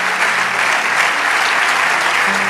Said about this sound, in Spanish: Vamos, dale ese aplauso de todo corazón.